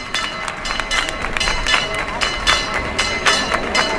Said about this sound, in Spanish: pues la Virgen ha iniciado un recorrido por los alrededores de la ermita y ahora se está acercando, para la gente que conozca esto, a la Hermandad de Huelva, que ha levantado un arco delante de su casa hermandad. Están escuchando ustedes el campanil.